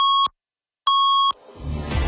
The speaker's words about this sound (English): At the sound of the double tones, 680 News Time will be 7:30.